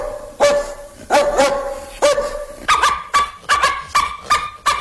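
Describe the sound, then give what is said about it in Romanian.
A dog barks repeatedly and loudly, about eight sharp barks, spaced irregularly at first and then coming faster toward the end, with no talking. “Numai glume vechi, uite-o pe asta cu câinele.”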